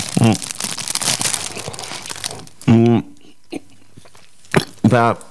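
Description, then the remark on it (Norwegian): Crunchy chewing of a small bite of food, with dense crackling and crinkling noises over the first half, broken by a few short voiced murmurs and quieter chewing afterward. “Nei, det er greit at jeg bare tar en liten bit, så kan vi godt fortsette.”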